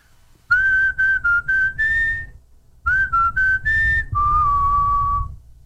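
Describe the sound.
A person recreates their classic whistle, a short, clear melody in two phrases, each made of several brief notes followed by a longer held tone, loud with a faint low rumble underneath.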